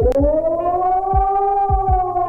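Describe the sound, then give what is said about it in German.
A loud civil defense siren wails steadily with harmonic tones gently rising and falling in pitch, the one-minute general warning signal to the population, accompanied by several low thumping knocks in the background. “Je nach Sirene klingt das manchmal etwas unterschiedlich, aber das Signal ist ein auf- und abschwellender Heulton eine Minute lang. Das ist nämlich eine allgemeine Warnung an die Bevölkerung.”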